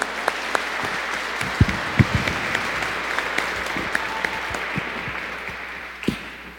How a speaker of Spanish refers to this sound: ¡Que viva la Virgen María! ¡Fuertes los aplausos!